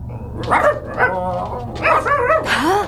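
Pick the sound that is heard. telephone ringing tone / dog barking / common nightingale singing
dog barking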